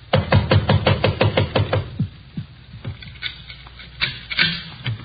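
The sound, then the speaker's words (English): Someone tries a locked door, rattling the handle in a rapid burst of about a dozen sharp clatters over two seconds, followed by scattered softer knocks and thumps, with no voices. “Try the door.”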